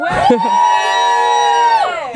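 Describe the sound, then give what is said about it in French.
A crowd at the Les Escales festival on the Île du Petit Maroc in Saint-Nazaire lets out a loud, sustained cheer, voices rising into one long shout that holds for about two seconds before fading, energetic. “Et comme vous l'avez entendu, il y a une bonne ambiance et il y a des cris derrière moi.”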